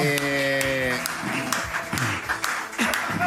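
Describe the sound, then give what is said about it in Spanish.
Loud, uneven hand claps land irregularly, several over a few seconds, amid a busy wash of voices and crowd noise, with a sustained tonal sound at the start. “Aplaude igual que como boxea.”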